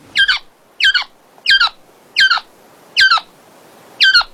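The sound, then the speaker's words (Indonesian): A koak bird caught in a snare squawks six times in a steady series, each call a harsh, strained burst spaced about a second apart, loud with no one speaking. “Seekor burung koak tertangkap, terkena jerat mereka.”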